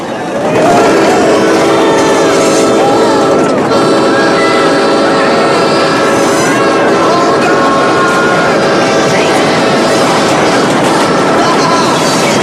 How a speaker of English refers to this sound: A train approaches the bridge and the guys all headbanging shake their legs in excitement.